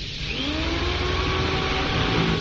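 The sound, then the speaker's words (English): A power drill whirs steadily against a door that won't budge, drilling to get it open, its loud motor whine holding a continuous buzz while faint tones slide slightly upward in pitch, with no voices over it. “Door isn't going to budge. Give me the drill.”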